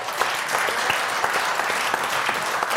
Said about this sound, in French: On peut déjà applaudir nos décodeurs.